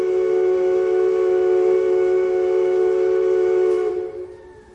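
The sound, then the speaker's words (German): A steamer's horn sounds one long, steady blast for about four seconds, a loud, rich tone with many layered harmonics, then cuts off and fades away, as the steamer is boarded to sail to America. “Da würde ich sagen, nehmen wir einen Dampfer. Ein Dampfer. Schon ist er da.”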